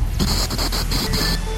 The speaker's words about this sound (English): We interrupt this program to bring you loud static.